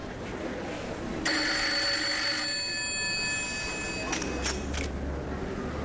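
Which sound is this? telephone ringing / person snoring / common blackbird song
telephone ringing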